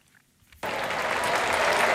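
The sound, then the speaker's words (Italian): After a brief quiet moment, the crowd at Rome's Foro Italico bursts into sustained, loud applause for Stefan Edberg and Fiorello during the Musetti–Cerundolo tennis match on the centre court, a dense steady wash of clapping that holds through to the end. “Sentite l'applauso del foro italico per Stefan Edberg e anche per Fiorello, che è appena arrivato per un momento molto importante di questa partita tra Lorenzo Musetti e Francisco Cerundolo, con il numero 2 azzurro sul campo centrale”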